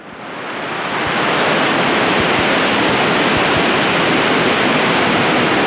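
Loud, continuous roar of ocean surf against rocks, fading in over the first second, then churning steadily as a dense wash of crashing water with no voices.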